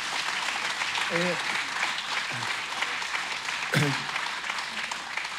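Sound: audience applause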